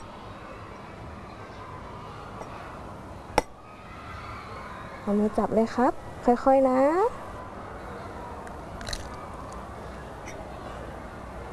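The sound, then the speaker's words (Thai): A single sharp, crisp tap as a child, helped by a teacher, gently knocks one chicken egg and cracks it open in a class making a Thai-style stuffed omelette, followed by a few high, lilting voices speaking over a low background murmur. “หยิบไข่ไก่ขึ้นมา1ฟองครับเดี๋ยวคุณครูช่วยนะครับค่อยๆเคาะลงไปตรงนี”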